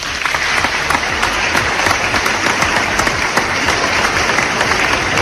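Loud, sustained applause from an audience, dense overlapping claps holding steady throughout with no speech over it.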